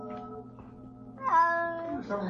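A distressed, dying kitten meows, a long plaintive cry that rises and wavers, followed by a second drawn-out mew, fairly loud over a low steady hum.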